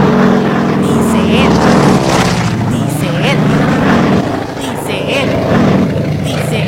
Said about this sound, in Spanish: Ya, hombre, pues resulta ser que efectivamente. El sonido misterioso es una avioneta.